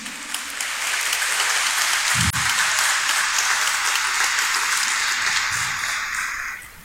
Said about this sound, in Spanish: a quienes vamos a recibir todos juntos con un fuerte aplauso, por favor.